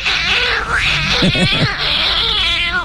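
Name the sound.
cat meowing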